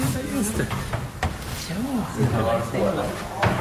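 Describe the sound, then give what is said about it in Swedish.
A door is shut after a group is sent inside: a short, solid thud partway through, followed later by a second quieter knock, while voices keep talking over the sounds. “Jag skickar in allihopa och stänger dörren.”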